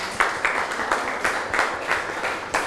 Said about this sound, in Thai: นี่คือตัวอย่าง1คนแล้วเก่งมากค่ะนั่งลงลูกปรบมือให้เพื่อนหน่อย